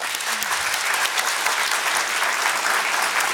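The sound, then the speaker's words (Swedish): An audience at a live stage show at Kulturhuset applauds steadily as guests leave the stage, a dense wash of many hands clapping at an even, fairly loud level throughout, with no voices standing out. “Ni får glida av scenen, en applåd!”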